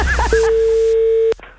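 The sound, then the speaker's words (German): A steady, unbroken telephone dial tone hums at one pitch for about a second, then stops abruptly with a sharp click. A few brief chirpy sounds come just before it. “Telefon.”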